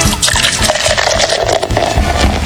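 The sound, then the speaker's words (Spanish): A beer bottle is opened, followed by a steady, loud fizzing gush of liquid that hisses continuously for a couple of seconds with no voices over it. “Déjeme destapo. A ver, destapemos.”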